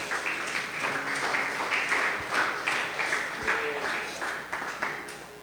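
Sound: audience clapping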